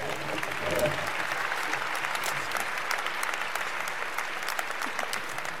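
An audience bursts into sustained applause, a dense, steady wash of many hands clapping at an even loudness for several seconds with no voices standing out.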